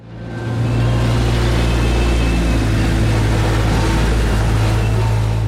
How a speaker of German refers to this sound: Ringsum hat es Baustellengeländer und Löcher im Boden, ständig fahren Bagger durch, es hämmert und dröhnt die ganze Zeit.